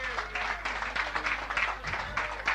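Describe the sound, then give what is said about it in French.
An audience claps and applauds steadily for a couple of seconds for the team of Radio Chevauchoir, a dense, even crackle of many hands at moderate loudness, with a low steady hum underneath. “Je voudrais qu'on applaudisse bien fort toute l'équipe de Radio Chevauchoir, les amis.”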